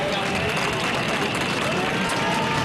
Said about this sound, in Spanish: la jornada ha sido más tranquila, aunque con pitidos tapados con aplausos a la llegada del general.